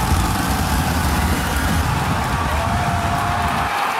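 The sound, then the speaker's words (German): Two engines of a SpaceX Starship rocket fire during its landing burn over the Indian Ocean in a loud, steady, rumbling roar. It holds for about four seconds, dense and unbroken, with a deep low end and a hissing top. “Two engines lit.”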